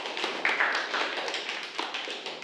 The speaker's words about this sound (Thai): ขอเสียงปรบมือให้กับเพื่อนหน่อย